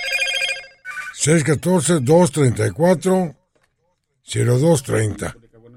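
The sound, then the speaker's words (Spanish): A telephone rings for about a second at the start with a bright, buzzing electronic trill, signalling another incoming call. Then a voice speaks over two stretches separated by a short pause. “Ahí está entrando otra llamada para que nos envíen mensajes de voz, mensajes de texto.”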